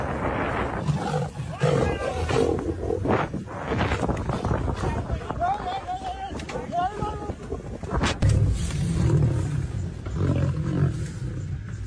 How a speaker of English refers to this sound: Faster. And there's a lion behind me.